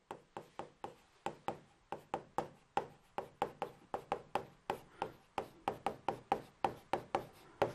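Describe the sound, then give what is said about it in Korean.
Writing on a board with a red pen: a quick, irregular run of sharp taps and short scrapes, about thirty strokes in under eight seconds, heard alone with no talking. “잘 보이나? 네, 옆에 쓸게요.”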